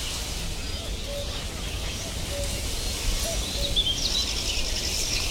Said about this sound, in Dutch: Er zijn vooral heel veel kleine karakieten en rietzangers.